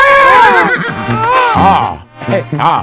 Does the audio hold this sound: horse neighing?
yes